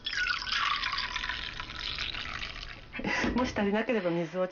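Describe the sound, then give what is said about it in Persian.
230 ml of dashi broth pours steadily into a pot with soaked rice in a continuous splashing stream for about three seconds, then a voice begins speaking over the fading trickle. “۲۳۰ سی‌سی از سوپ داشی رو اندازه میگیریم و به قابلمه اضافه میکنیم.”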